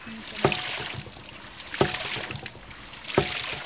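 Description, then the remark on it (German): A hydraulic ram pump (Widder) pumps water upward, splashing and spraying steadily, punctuated by three sharp, evenly spaced knocks about a second and a half apart, like a valve slamming shut with each pumping cycle. “hat man eben mit Hilfe dieses Widders das Wasser nach oben gepumpt. Und da spritzt es”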